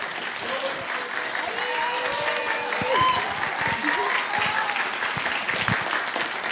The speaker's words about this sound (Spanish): Hola, bueno, nada más como dato, quiero pedirle un aplauso a Paula, que ya fue la directora de este video.